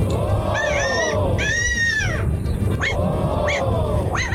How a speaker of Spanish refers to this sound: Lo que pasa es que este gallo es una mezcla de gato con perro.